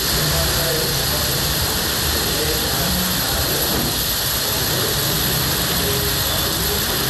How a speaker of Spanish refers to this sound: Si es Abasolo, voy a callarme tantito para que se escuche el sonido de la lluvia.